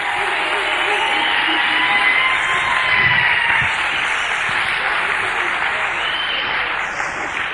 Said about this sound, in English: So once again, give them a nice round of applause.